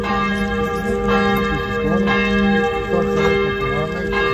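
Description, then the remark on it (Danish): Church bells in Serbia peal steadily and loudly, their overlapping strikes blending into a rich, continuous ringing with sharp new chimes arriving about once a second, no voices present. “Ja, for i går der ringede kirkeklokkerne”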